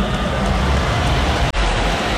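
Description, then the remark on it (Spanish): Rain pours steadily over a football stadium in Philadelphia at the World Cup match between England and Panama, a dense, even hiss with a low rumble underneath and a brief dropout partway through. “Está lloviendo, nuestro sonido en el estadio.”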